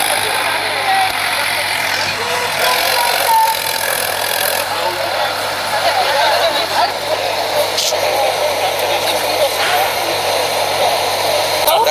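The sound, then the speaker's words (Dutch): A bus engine idles steadily, a constant low rumble with a broad hissing whir that holds for the whole stretch, while faint voices murmur underneath; the bus is to carry people to Utrecht Centraal. “De bussen die ons nu naar Utrecht Centraal, waarschijnlijk werden andere mensen heen gebracht.”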